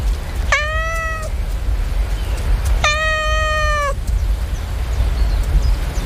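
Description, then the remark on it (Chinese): A cat meows twice, clear, the second cry longer and drawn out, with a low steady background hum and no one speaking. “哦，是兄弟，这只母猫的兄弟回来了。”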